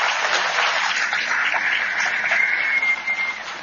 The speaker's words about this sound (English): You all have been incredibly generous with your time. Our panelists have been incredibly generous with their time. Give them all a round of applause, please.